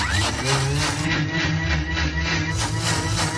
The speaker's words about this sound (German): Das schmeißen wir dann in den Mixer rein. Und auch das nicht so lange, weil sonst gibt's auch wieder dieses schleimige Zeug. Das wollen wir nicht. 20 bis 30 Sekunden.